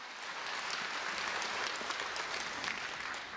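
An audience at a regular concert applauds steadily to welcome the Busan branch head of BTN Buddhist TV, many hands clapping in a dense, even wash of sound with no pauses and no voices. The clapping stays at a constant level throughout.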